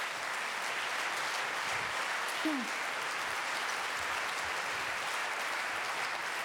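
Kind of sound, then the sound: crowd, audience applause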